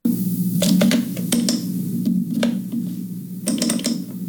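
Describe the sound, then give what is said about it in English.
Crisp computer mouse clicks come in irregular bursts, some in quick pairs, over a steady low hum. No one speaks. “Is this a computer mouse? Yeah, it's a computer mouse.”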